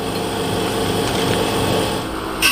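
A steady machine whir with a gritty grinding texture runs throughout as ore cut into thin sections is ground and polished in a Beijing laboratory before being fixed with resin onto glass slides, briefly swelling louder near the end. No voices.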